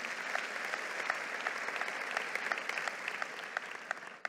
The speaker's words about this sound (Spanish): Un aplauso a la palabra del Señor.